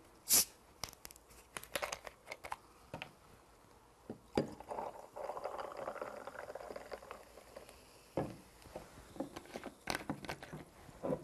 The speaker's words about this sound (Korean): 자, 준비된 잔에 얼음 넣어주시고요. 탄산수 넣겠습니다.